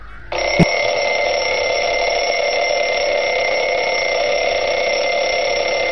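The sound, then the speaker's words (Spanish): A wind-up mechanical alarm clock bursts into a loud, continuous metallic ringing after a brief click, the bell clattering steadily without pause for several seconds. “El despertador de cuerda esos que había que tenías que darle, ¿a que sí?”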